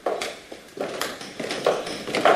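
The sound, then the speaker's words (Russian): Horses that have been brought round clip-clop at a steady, unhurried pace, a series of hollow knocks that grow a little louder toward the end, with no voices over them. “Лошади подали.”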